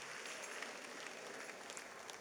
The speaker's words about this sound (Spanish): ¿Puede dar un fuerte aplauso al Señor?